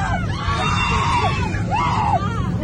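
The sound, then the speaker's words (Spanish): Several passengers, Israelis including about 20 children, scream together in a packed airplane cabin during a sudden descent of the plane over a city in Saudi Arabia, rising and falling wails over a steady low engine roar and crowd noise, loud. “Estos gritos es como consecuencia de un descenso brusco del avión.”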